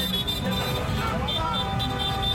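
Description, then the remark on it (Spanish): Steady rumble of traffic with a repeating high-pitched horn pulsing over it and voices murmuring underneath: a honking car caravan driving at night through the main streets of Melilla after the final whistle, celebrating Spain's World Cup win. “Una caravana de vehículos que recorrió las principales calles de la ciudad tras el pitido final del partido.”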